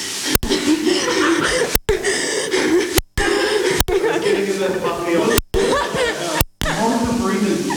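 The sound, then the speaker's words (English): Heavy, rhythmic panting from someone climbing 1,000 steps up to the new BFM, loud breaths with a voiced, almost chuckling edge, cut into several short stretches with brief silent breaks between them. “More of the breathing.”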